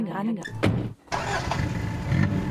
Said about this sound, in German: So Leute, das Festival 40 Jahre Bochum Total ist gelaufen. Und ich sitze nun im Auto und fahre zu einer Band, die es auch schon 40 Jahre gibt.